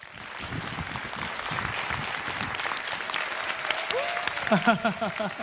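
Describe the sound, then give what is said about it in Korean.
Sustained applause from an audience welcoming a journalist to give a special lecture fills the room, a dense wash of clapping that continues steadily; near the end a voice begins speaking over the fading clapping. “큰 박수로 만나보겠습니다.”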